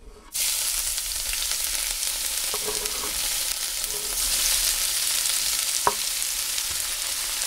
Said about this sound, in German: Die beiden Lauchstangen sind also verarbeitet. Die Pfanne am Herd steht bereit. Und jetzt kommt der Porree in das heiße Olivenöl. Achtung!